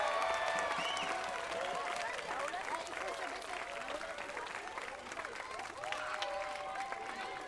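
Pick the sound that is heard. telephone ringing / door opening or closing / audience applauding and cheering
audience applauding and cheering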